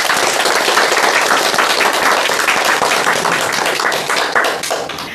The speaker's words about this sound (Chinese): 我们为自己的进步鼓鼓掌吧。